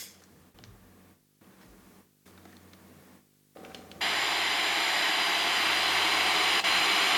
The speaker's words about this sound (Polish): Jak słychać, odbiornik się włączył w trybie FM i sobie szumi. Strojenie w paśmie FM reaguje w taki sposób.